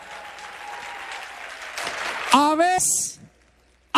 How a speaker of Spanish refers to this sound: Un aplauso para ellas. Amén.